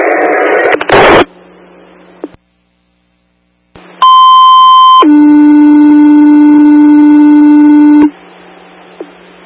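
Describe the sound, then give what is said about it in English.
A loud two-tone pager alert paging all EMS over a radio channel: a higher steady tone for about a second, then a long lower tone, preceded by a burst of static and a brief silence. “All EMS, you can disregard your last tone.”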